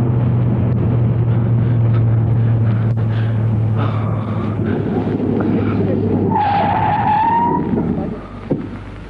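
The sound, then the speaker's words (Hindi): A car engine drones loudly, then tires screech in a sharp, rising squeal as the driver brakes hard and the car skids to an abrupt stop; the car is then switched off, followed by near quiet. “क्या हुआ विक्रम, तुम अचानक रुक क्यों गए? तुमने तो गाड़ी भी बंद कर दी।”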